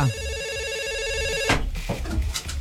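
telephone ringing

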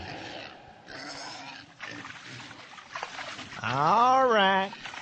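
pigs grunting

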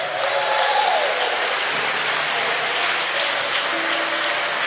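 audience clapping hands

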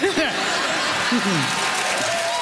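crowd applauding

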